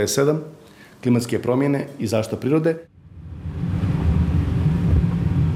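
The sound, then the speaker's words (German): A voice speaks briefly, then gives way to a steady, loud rumble of a car driving through Pljevlja, a town of 16,000 in the mountains of northern Montenegro on the border with Serbia, with broad road and engine noise continuing evenly to the end. “Wir fahren mit dem Auto durch Pljevlja, eine 16.000 Einwohnerstadt ganz im Norden Montenegros in den Bergen, an der Grenze zu Serbien.”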